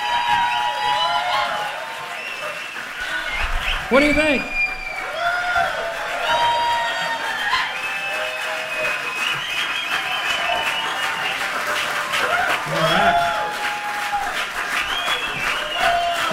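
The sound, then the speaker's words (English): A crowd applauds steadily for the whole stretch, with whoops and cheers rising over the clapping and a brief spoken question midway. The applause stays loud and dense throughout. “A big round of applause.”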